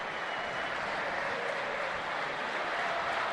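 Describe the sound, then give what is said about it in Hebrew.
A large crowd claps steadily in a stadium during a Beitar Jerusalem football match around the 54th minute, a dense, continuous wash of applause that holds at an even level from start to finish, with no voices standing out. “ומה רוצה הקהל בתשואות האלה? המחיאות כפיים, אני ניסה לראות אם יש איזשהו שלט, לא הצלחתי לראות, הייתי עסוק קצת במשחק.”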